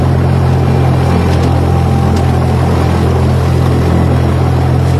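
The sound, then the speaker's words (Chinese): A steady, loud airplane engine drone from the sky, around 1 p.m. on April 5, the Qingming Festival, holds for the whole stretch, a deep humming rumble with a faint hiss on top, like an airplane passing overhead. No voices are heard. “中午1点左右，天空传来飞机声。”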